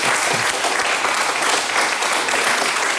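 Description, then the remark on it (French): The Gosselin women's 13 team applauds itself, clapping together in a steady, dense burst of applause that stays loud and even for about three seconds, with no voices standing out. “C'est Gosselin, oui, une 13 féminine de Gosselin qui vont s'applaudir.”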